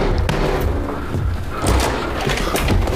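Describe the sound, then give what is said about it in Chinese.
A door is opened for a man who has been banging on it demanding to be let in, with a few heavy thumps and clattering knocks, set against a dense, noisy background that stays loud throughout. “开门， 开门，给他开门。”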